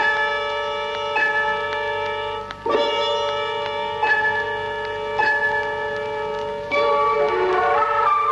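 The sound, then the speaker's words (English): A large bell tolls steadily, struck about every second and a half, each stroke ringing into a long, rich, overlapping hum. It's loud, with no voices. “That there may be a danger of overlooking this in the purely scientific search for knowledge, we underline in our story tonight, a clapper for the bell.”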